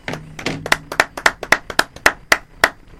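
Hands clap a dozen or so times in a quick, fairly steady rhythm, each clap a sharp, crisp smack. A faint low hum sits under the first few claps.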